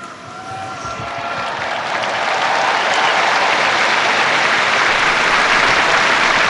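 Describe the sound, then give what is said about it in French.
Sustained applause from a large crowd of the faithful for the Pope after he recites the Marian Angelus prayer, a dense steady wash of clapping that swells slightly in the first seconds and then holds loud and even, with no voices standing out. “Le pape qui a donc récité la prière mariale de l'Angélus et qui est applaudi par les fidèles.”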